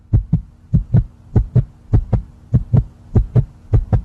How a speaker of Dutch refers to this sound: Je hebt dan iets gemaakt, je hebt ingeleverd, je hartslag gaat 180 omhoog.